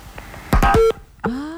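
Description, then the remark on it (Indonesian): A caller's telephone line to a radio phone-in show crackles with faint clicks, then a loud burst of electronic tones cuts off abruptly into near silence before another steady tone rises; the call connects but the line goes dead. No one speaks. “Ah, sudah terhubung tapi mati ya.”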